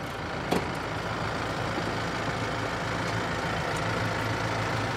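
A tractor engine idles steadily, a continuous low rumble with a faint rhythmic chug throughout, broken only by one brief click near the start; no one speaks.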